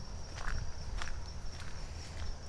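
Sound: footsteps walking outdoors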